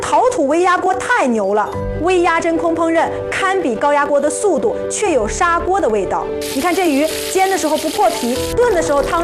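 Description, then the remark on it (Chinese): Fish sizzles as it fries in a clay micro-pressure pot made of kaolin clay, a steady crackling hiss that grows louder and brighter toward the end, heard beneath continuous speech. “你看这鱼煎的时候不破皮，炖的时候汤汁完全锁在肉里，鲜嫩得很。”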